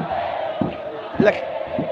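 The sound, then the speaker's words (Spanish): Puerto Montt football fans chant together at the end of a match against Curicó, a steady wash of many voices with rhythmic swells and a few louder shouts rising above the mass. “Se nota, se escucha clarito el cántico de la gente de Puerto Montt.”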